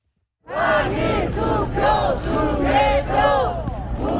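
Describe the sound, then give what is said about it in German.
A large crowd of protesters, including retirees, young families and teenagers, chants slogans such as "repeat the election" and "election fraud" in unison at the entrances of the handball stadium in Seoul's Olympic Park under blazing sun, many voices rising and falling in rhythmic shouted phrases, loud and steady throughout. “Wiederholung der Wahl und Wahlbetrug skandieren pensionierte junge Familien und Teenager.”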